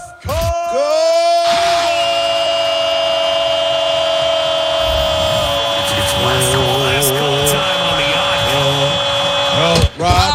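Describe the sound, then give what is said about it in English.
A man screams into his hand, producing a loud, muffled yell that he holds for several seconds with a wavering pitch before it cuts off abruptly. “You aren't screaming”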